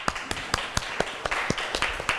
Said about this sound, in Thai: ครูอยากฟังกลุ่มที่2ขอเสียงปรบมือดังๆให้เพื่อนหน่อยค่ะ